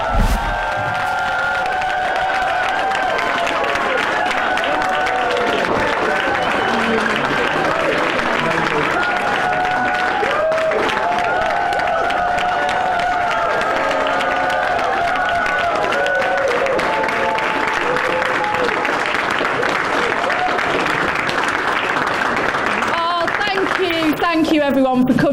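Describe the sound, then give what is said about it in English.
A crowd at a Labour rally applauds and cheers as Lucy Powell enters with the new Labour MP for Holborn and St Pancras, a dense wash of clapping with scattered shouts and whoops, voices mixed in, the ovation staying loud and continuous for the full length. “as she comes in with the new Labour MP for Holborn and St. Patrick's, taking in the applause.”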